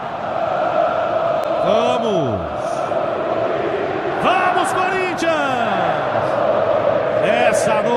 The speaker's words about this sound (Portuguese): É o grito da Fiel na arquibancada em Itaquera.